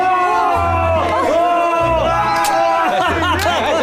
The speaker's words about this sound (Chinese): 鼓掌，鼓掌，热烈鼓掌，欢呼，欢呼，欢呼！